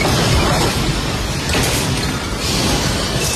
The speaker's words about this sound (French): Cet ancien parlementaire se trouvait à l'aéroport de Caracas au moment du séisme. Il filme l'effondrement d'une partie du plafond dans un grand fracas.